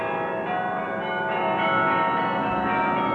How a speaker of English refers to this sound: In the village, bells rang as rich and poor alike danced in the streets.